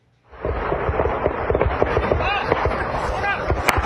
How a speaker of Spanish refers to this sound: En México, un enfrentamiento armado de grupos criminales en Michoacán desató el pánico entre campesinos que tuvieron que correr para refugiarse de los disparos.